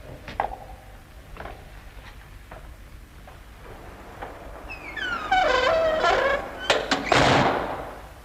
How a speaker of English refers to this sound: I will bolt the door.